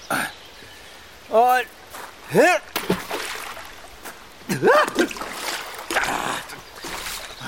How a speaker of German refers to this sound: Jetzt bin ich in den Bach getreten. Meine Schuhe sind nass.